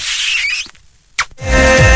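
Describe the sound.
A loud, squeaky kiss noise, drawn out and high-pitched, with a sharp smack after a short pause, sent on the radio station Aire FM as a kiss for the driver of the Coet mobile unit. Music then comes in loudly.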